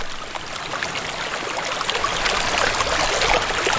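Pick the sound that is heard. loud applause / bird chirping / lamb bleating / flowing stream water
flowing stream water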